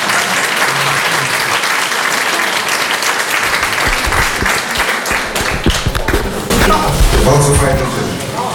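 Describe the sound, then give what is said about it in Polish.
Loud, sustained applause from an audience at the opening of the Drezynownia event in Podkowa, as the director of the Railway Lines Plant in Białystok is invited to open it: a dense wash of clapping that continues steadily throughout, with some voices faintly audible beneath it near the end. “Brawa są jakby świeże, ale nie tak tego roku.”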